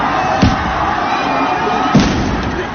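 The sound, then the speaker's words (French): Two sharp, loud bangs from tear gas grenades thrown by police into a crowd of fleeing students, about a second and a half apart, burst over a constant roar of crowd noise with scattered voices. “Très peu de temps après, une sommation peu audible au vu du bruit sur place, les forces de l'ordre jettent plusieurs bombes lacrymogènes au milieu de la foule d'élèves qui fuient en courant.”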